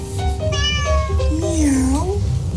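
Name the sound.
cat meowing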